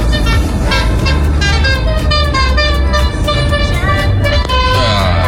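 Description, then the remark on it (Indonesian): Dense, heavily congested road traffic at Karanglu, on the route from Batu toward Singosari, dominated by buses heading home toward the toll road, with a steady low engine rumble and bus horns tooting repeatedly in long, overlapping tones over the din. The sound stays loud throughout. “Dominasi bus ya, yang pulang ke arah kota tol ini.”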